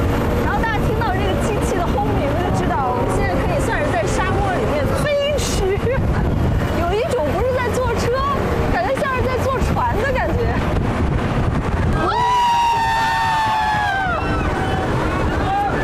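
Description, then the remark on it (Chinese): A fast-moving open-top "Bigfoot" desert-surfing sightseeing vehicle on giant tires, seating riders about 3 metres above the ground, drives over the dunes at Yinsha Bay, roaring steadily with engine rumble and buffeting wind, people talking over it, and a sharper engine whine surging near the end. “所谓的大脚怪其实是一种沙漠冲浪观光车，它配有巨型轮胎，比普通越野车高出一大截，在上面既能远眺沙海全景，又能如同乘坐沙漠过山车获得刺激的冲沙体验。”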